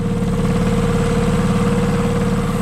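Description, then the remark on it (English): A boat engine idles steadily and loudly, a continuous low rumble with a fine mechanical buzz and slight rhythmic pulsing throughout, with no voices; it is linked to the New Zealand Boat Show at Auckland Showgrounds. “Sounds like my stick blender. But no, in Auckland, the New Zealand Boat Show is on this weekend at Auckland Showgrounds.”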